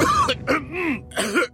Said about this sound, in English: Laban sa dry non-stop ubo, kati sa lalamunan due to post-nasal drip at sakit sa kakaubo.